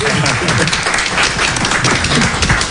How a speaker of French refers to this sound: C'est une émission qui est dédiée, mais vraiment au DJ, présentée par un DJ. Bah ouais, on applaudit le DJ.